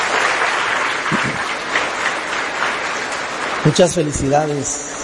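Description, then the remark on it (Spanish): A church crowd applauds steadily for a couple marking 60 years of marriage, a dense wash of clapping that holds at a fairly even level throughout, with a voice speaking briefly over it near the end. “Le damos un aplauso grande, bonito.”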